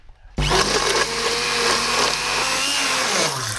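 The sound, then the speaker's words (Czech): An immersion blender switches on abruptly and whirs loudly and steadily for about three seconds while blending a sauce, its motor pitch dipping slightly near the end as it churns through the thick liquid. No one speaks. “No a na závěr tu omáčku potom propasírujeme nebo rozmixujeme ponorným mixérem.”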